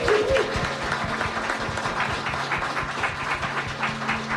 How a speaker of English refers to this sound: She retired from serving our country at the rank of captain after 14 years and 8 months of distinguished service. So we need to clap it up. Yes. For that.